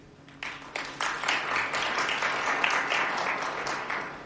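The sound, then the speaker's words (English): An audience claps after a speaker's answer, a dense wash of many hands that swells in after a quiet start and stays loud and even for several seconds, with no voices over it. “I like this applause after every answer.”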